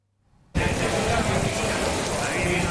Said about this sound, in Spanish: Bueno, pues ya estamos viendo que han llegado las tormentas. Con esta fuerza caía esta tarde el agua y el granizo en Pamplona.